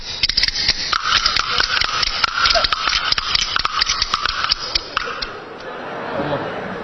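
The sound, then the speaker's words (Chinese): Bamboo clappers clack rapidly and unevenly, two sets played by a master and apprentice in a joint performance, sharp wooden clicks falling out of step in a jumbled rattle for about five seconds before stopping, fairly loud. “开始， 板儿得打齐了。”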